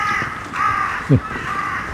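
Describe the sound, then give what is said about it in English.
A carrion crow caws with harsh, rasping calls, two or three in quick succession, clear, with a brief low thump partway through and no talking. “Finally managed to see carrion crow.”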